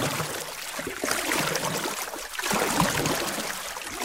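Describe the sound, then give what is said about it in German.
Water splashing and sloshing as a girl paddles a stand-up paddleboard out to sea off the east coast of Australia in the hottest week of summer, with a steady wash of gently swelling strokes. Moderately loud, with no voices. “In der heißesten Woche der Sommerferien an der Ostküste Australiens paddelt ein Mädchen namens Josephine mit ihrem Stand-up-Paddleboard raus aufs Meer.”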